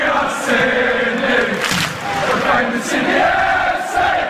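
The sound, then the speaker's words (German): A large football stadium crowd of nearly 25,000 spectators at a derby in Sydney, Australia, chants and roars together, a dense, sustained wall of many voices holding steady and loud for several seconds with no individual speech standing out. “Wir hatten ja auch jetzt das Derby hier in Sydney, wo ich glaube fast 25.000 Zuschauer da waren.”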